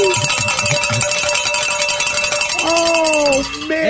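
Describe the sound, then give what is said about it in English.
Bells ring continuously in a bright, rapid jangle of metallic clangs that stays loud throughout, with some voices sounding underneath toward the end. “I think this is the latest we've rang the bells.”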